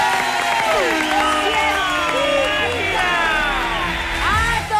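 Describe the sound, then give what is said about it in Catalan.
A radio studio audience claps steadily to welcome a new science contributor while voices whoop and cheer over the top, a dense, loud burst of applause that holds its level for several seconds. “Un aplaudiment, sisplau, per la nova col·laboradora,”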